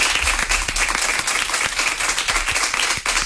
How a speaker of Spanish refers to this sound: Así que muchísimas gracias, equipo. Dadles un aplauso, por favor, os lo pido.